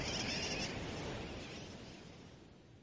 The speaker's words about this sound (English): Some say sooty terns derive their nickname wide awake from the kerwackywack or wackywack of their calls.